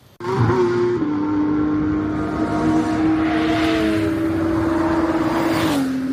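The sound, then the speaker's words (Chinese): Race car engines roar loudly and steadily at the 2025 GT World Challenge Asia season finale by Tongming Lake in Yizhuang, Beijing, on 19 October 2025, one engine holding a high droning pitch before it shifts, with no voices over the sound. “2025年10月19日，北京亦庄通明湖畔引擎轰鸣。”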